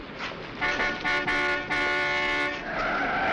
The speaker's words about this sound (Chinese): 当心！ 一辆汽车把史密斯重重地撞倒在马路上，他昏了过去。